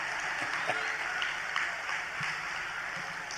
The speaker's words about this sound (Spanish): Aplaudan, yo espero, ¿eh? Si no, lo veo.